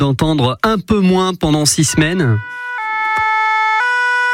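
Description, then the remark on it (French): A man speaks briefly, then a French fire brigade engine's two-tone siren takes over, alternating steadily between a high and a lower pitch, loud and clear on its own until the end. “C'est une sirène que les Français”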